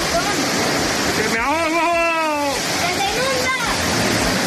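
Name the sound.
rushing water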